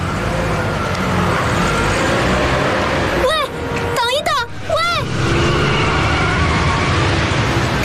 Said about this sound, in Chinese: 出租司机踩动油门，绕过蓝青的汽车，飞速离去